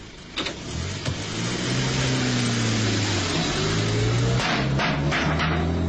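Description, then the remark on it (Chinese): A car engine starts up and revs, its pitch climbing steadily as the vehicle pulls off, carrying an American adviser covered in oil as he escapes. The engine stays loud throughout, with a couple of sharp clunks near the start and no talking. “美国顾问就这样带着满身的油污钻进汽车逃走了。”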